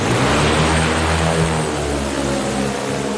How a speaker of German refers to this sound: Sie wirkt ein bisschen wie ein großes Insekt, wie sie dasteht auf einem Asphaltplatz in Amsteg. Schwarz, etwa kniehoch, 8 Propeller, ein Koffer ist an ihr befestigt. Dann beginnt die Drohne zu surren.